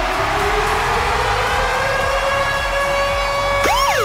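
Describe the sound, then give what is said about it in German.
The Virgin Radio Ticket-Alarm, a loud siren-style jingle on the morning show signaling a rock concert ticket giveaway, with a steadily rising wail and bright harmonic overtones, ending in a sharp swooping sweep; no one speaks over it. “Und zwar immer dann, wenn ihr unseren Virgin Radio Ticket-Alarm hört, dann ist der da.”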